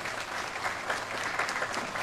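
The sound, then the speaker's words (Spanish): An audience claps steadily at a celebration for the devotees of María Auxiliadora, a dense, continuous wash of many hands with no gaps, at a moderate, even level for about two seconds. “Un fuerte aplauso a todos ustedes.”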